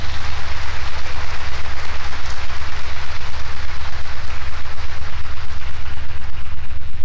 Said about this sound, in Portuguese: Nossa gratidão, que Nossa Senhora sempre o acompanhe, e as nossas palmas de boas-vindas.